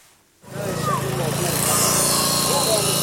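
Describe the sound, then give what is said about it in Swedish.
After a moment of silence, a power saw starts up and bites into steel rebar as rescue workers cut through iron bars and reinforcing steel in the concrete rubble of bombed buildings in Gaza, searching for remains: a loud, steady motor drone with a harsh, hissing metallic grind that grows brighter as the cut continues. “Nu står han inte räddningsarbetare som sågar sig genom järnstänger och armeringsjärn.”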